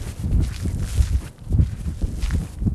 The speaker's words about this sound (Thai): มองผิวเผินเหมือนหาดทรายธรรมดาแต่ว่าถ้าลงมาเดินแล้วเนี่ยก็จะรู้ว่ามีสิ่งที่แตกต่างความรู้สึกสัมผัสที่เท้าเนี่ยเราจะได้ยินเสียงเลยกรอบแกรบกรอบแกรบ